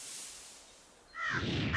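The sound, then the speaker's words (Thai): A crow caws once, loud and close, a harsh rasping call that bursts in after a quiet stretch of faint hiss and carries to the end. “อีกาเหรอ มาเต็มเลย”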